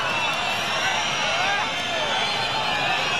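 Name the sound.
crowd booing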